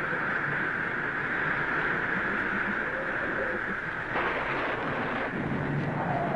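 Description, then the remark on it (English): A heavy thunderstorm with hail and rain in Egypt roars steadily throughout, a dense wash of pelting noise and low rumbling thunder, with a sharper surge of crashing sound partway through. No one speaks. “Entreat your God to stop the mighty thundering and hail, and I will let you go, even into the wilderness, to worship and sacrifice unto your God.”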